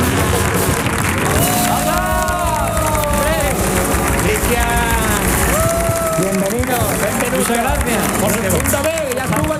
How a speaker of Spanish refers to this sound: Pues sin más dilación, querido público, queridos oyentes, vamos a recibir con una fuerte ovación en el show del comandante Lara